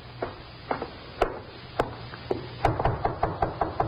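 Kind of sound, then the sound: household object, knocking on a door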